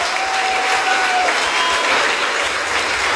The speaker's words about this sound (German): Deswegen auch nochmal ein Applaus an euch alle, dass ihr alle hier seid.